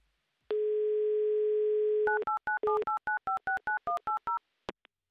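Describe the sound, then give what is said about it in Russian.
A steady telephone dial tone hums for a moment, then gives way to a quick run of about a dozen keypad dialing beeps on a mobile phone calling a number in Simferopol, ending with a couple of faint clicks. No one speaks. “Класс, гудок имеется. 30 секунд у нас, чтобы послушать гудки.”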